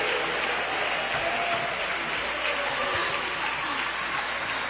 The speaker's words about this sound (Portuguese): Mas vamos receber o servo de Deus com muita alegria. Palmas para Jesus.